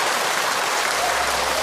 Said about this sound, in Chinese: 挺好，我们掌声给一哥， 谢谢一哥， 辛苦了一哥。